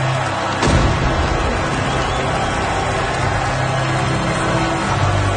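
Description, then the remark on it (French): A deep cannon boom bursts out near the start, followed by a continuous low rumble and crackling background noise, like salvos echoing over a noisy outdoor scene, as forts and warships fire cannon salvos saluting the unveiling of a colossal statue in New York. “Les forts et les vaisseaux de guerre ont tiré des salves de coups de canon.”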